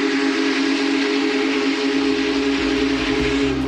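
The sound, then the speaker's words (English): The whistle of a Big Boy steam locomotive passing through towns blows in one long, loud, continuous blast, its steady tones ringing with the low rumble of the engine underneath and no voices. “And if not, the big boy's whistle will most certainly remind them.”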